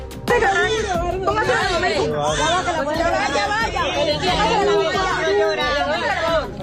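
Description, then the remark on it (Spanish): A newborn baby gives its first cry amid ruins, repeated wavering, high-pitched wails, steady and loud across the whole stretch, mixed with a busy murmur of several adult voices talking at once. “El sonido del primer llanto de un recién nacido, nuevos latidos de vida que se abren paso entre las ruinas.”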